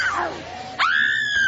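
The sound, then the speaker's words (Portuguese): A woman screams, her voice first sliding downward into a moan, then jumping abruptly into a loud, sustained high-pitched shriek that holds steady to the end. “E esse cemitério, meu Deus, olha ali, já gritou, grita queima ele. Grita queima ele, já gritou outra aqui, grita queima ele.”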